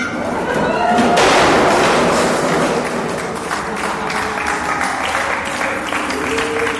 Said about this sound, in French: C'est sympa de m'accueillir en m'applaudissant. C'est incroyable.